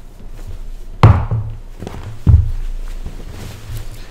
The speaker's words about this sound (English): I'm going to sit on Father Rutledge's chair. I just got to move it back.